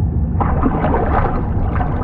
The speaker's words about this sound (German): Mit erloschenen Scheinwerfern durchstieß das U-Boot die Wasseroberfläche.